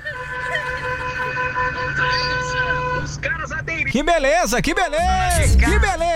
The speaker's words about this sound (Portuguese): A buzina que eu coloquei no meu táxi novo. Nossa, que buzina mais horrível essa, hein, cara? Que buzina mais sem graça, cara.